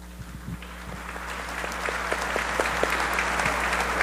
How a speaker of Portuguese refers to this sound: Eu queria que os padres que concelebram comigo, os diáconos, possam se apresentar. E à medida que cada um se apresenta, nós também os acolhemos com a salva de palmas.